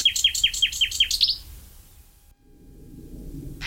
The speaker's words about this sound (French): Par contre, le numéro 9 est migrateur, c'est le rossignol philomel. Le rossignol, lui, est arrivé d'Afrique début avril et il repartira fin août. Et lui, vraiment un chanteur extraordinaire, lui aussi.